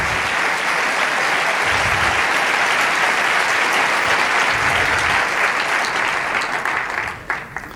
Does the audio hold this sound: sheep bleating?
no